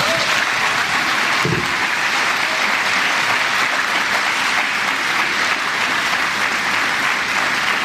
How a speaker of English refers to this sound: Can we give them a round of applause?